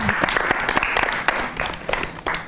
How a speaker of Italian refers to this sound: facciamo un applauso al piccolo principe